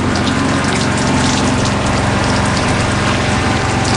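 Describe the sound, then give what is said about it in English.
Heavy, steady pouring rain coming from the east falls on a boat, filling the whole clip with a loud, dense hiss of rushing water, constant, with no voices or pauses. “We're getting plenty of rain today, pouring rain.”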